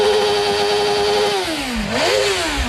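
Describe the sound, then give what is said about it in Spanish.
A 2024 Harley-Davidson Street Glide motorcycle engine idles loudly and steadily, then its pitch dips briefly before revving back up in a quick throttle blip, with no voices. “Es una Harley, una Street Glide del 2024.”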